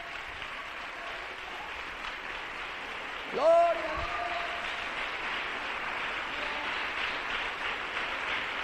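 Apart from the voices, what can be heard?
audience applause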